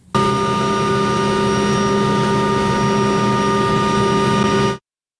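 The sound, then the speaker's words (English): A loud, steady jet engine roar with a sustained high-pitched whine, holding constant for about four and a half seconds before cutting off abruptly, as Keir Starmer's jet touches down for an international summit in Evian. No voices. “Yes, the man that some call Never Hear Keir has touched down today, doing what he does best, jetting off to join his globalist chums at yet another international summit, this time in Evian.”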